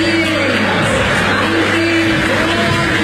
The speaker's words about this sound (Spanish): La gente de la popular cantando, casi que tapa el aplauso o murmullo de la gente.